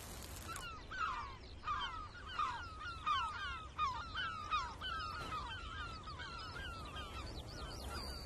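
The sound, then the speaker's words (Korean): Calls of a Eurasian spoonbill breeding colony in a salt marsh, where early-arriving birds are building nests: a steady chorus of harsh, overlapping honking cries repeating every second or so over a constant low hubbub, with no talking. “집단 번식지에 일찍 도착한 노랑부리 저어새들은 벌써 둥지를 짓기 시작했죠.”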